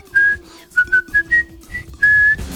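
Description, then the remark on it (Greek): A person whistles the jaunty march tune from the film The Bridge on the River Kwai in short, bouncy notes, ending on a longer held tone. The melody is bright and clear, with no talking over it. “Την έχω δει 4-5 φορές, ήταν σχεδόν υποχρεωτικό, ήταν υποχρέωσή μου να βλέπω τη γέφυρα του ποταμού Κβάι. Εδώ, παραπαμ, παραπαπαπαμ, παμ.”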